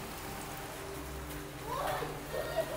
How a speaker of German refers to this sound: Der Regen ist unerbittlich. Und wenn der Wind stärker wird, zählt jede Minute.